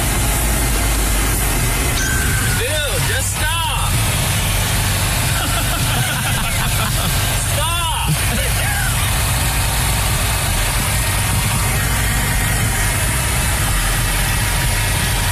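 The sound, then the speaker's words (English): A small red golf cart engine runs steadily throughout with a constant low, rumbling drone as the cart flees a deputy in the Villages, Sumter County, around 1 a.m., while a voice briefly calls out twice over the hum. “He's just saying to the guy, like, come on, pull over your stupid golf cart.”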